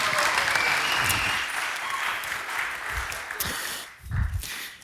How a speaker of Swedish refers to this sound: En stor applåd till konfirmanderna. Varsågoda.